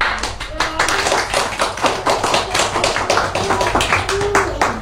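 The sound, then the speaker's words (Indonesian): A small group claps steadily for several seconds after a poetry reading, the dense, overlapping hand claps sounding with a few faint voices underneath. “Kita beri tepuk tangan dulu dong.”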